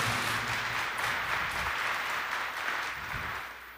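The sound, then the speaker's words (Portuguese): Steady applause from a crowd, given to Our Lady (Nossa Senhora) at the close of a prayer of consecration, a dense sustained patter of many hands clapping at even loudness, easing off slightly toward the end, with no voices over it. “Salva de palmas a Nossa Senhora.”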